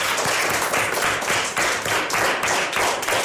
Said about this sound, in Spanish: Ahora es el momento de ese aplauso que tenemos preparado ahora mismo.